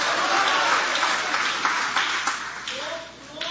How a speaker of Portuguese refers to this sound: Aplaude a ele, pode adorar, pode glorificar o nome dele com alegria. Ô, glória!